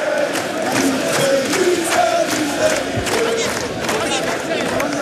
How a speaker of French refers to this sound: Des images incroyables avec des joueurs qui saluent évidemment la foule et les chants qui continuent évidemment d'être entonnés par les milliers de supporters. On écoute.